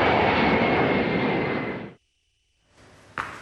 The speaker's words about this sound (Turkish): Esenboğa Havalimanı'ndan ABD'ye hareket eden Trump'ın dönüşte başka bir başkanlık uçağını tercih etmesi dikkat çekti.